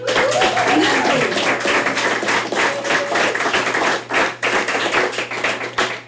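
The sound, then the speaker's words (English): A live audience at a WTJU live performance applauds with dense, steady clapping for several seconds, loud, and a brief whistle rises above the clapping near the start. “And welcome to the live audience. Give yourself a round of applause.”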